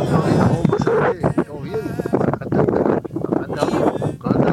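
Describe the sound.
Gusty wind buffets a phone line, a steady roaring rumble with rough bursts that nearly swamps a voice talking through the connection from around Tupambaé, Uruguay.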